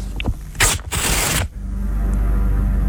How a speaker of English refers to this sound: Then I ripped a bunch of paper. You've got to tell me how many pieces of paper I'm ripping, okay?